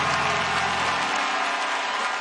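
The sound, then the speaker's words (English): A crowd claps steadily in a dense, continuous wash of hand claps at full volume, with no voices standing out, lasting about two seconds. “Come on, clap your hands and say he turned him.”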